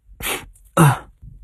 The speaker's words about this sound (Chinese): 打了一个喷嚏，揉了揉自己的鼻子。